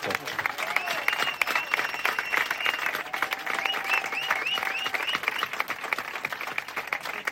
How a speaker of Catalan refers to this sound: Els hi volem agrair i si volem, un aplaudiment molt fort per tots els col·laboradors que han vingut.